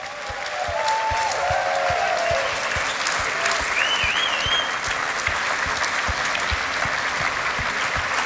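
Sustained audience applause for performers, the RTV Slovenia Symphony Orchestra and the Big Band RTV Slovenija conducted by Patrik Greblo. A dense, steady wash of many hands clapping at an even loudness throughout, with faint whistles rising briefly above the clatter.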